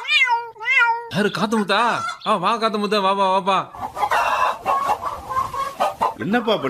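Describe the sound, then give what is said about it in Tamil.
Chickens cluck and squawk in a loud, busy run of rising and falling calls, with a rougher, noisier stretch near the end before the calls return, as they are being fed pearl millet and finger millet. “கோழிகளுக்கு தீவனம் போடுறேன்பா, கம்பு கேவுரு.”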